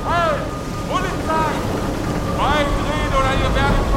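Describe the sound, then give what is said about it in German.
A steady boat engine rumbles throughout, holding an even loudness, while voices call out over the noise in short bursts. “In diesem Augenblick tauchte wie aus dem Nichts ein Boot neben uns auf.”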